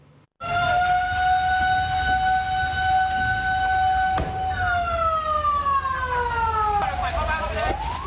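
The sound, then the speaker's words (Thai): A loud fire engine siren wails, holding a steady high tone before sliding downward, with a second siren overlapping near the end over a rumbling, noisy background; six fire engines fighting a fire at a two-storey Thai-style house in Yai Phaeng, Bang Khonthi district, Samut Songkhram, Thailand, in the rain. “ดับเพลิงเร่งฉีดน้ำดับไฟบ้านทรงไทย2ชั้นอยู่ในพื้นที่ตำบลยายแพงอำเภอบางคนทีจังหวัดสมุทรสงครามใช้รถดับเพลิง6คันเข้าดับไฟค่ะ”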